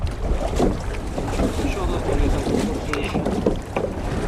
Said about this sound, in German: stoßen sich vom Steg ab und gleiten übers Wasser.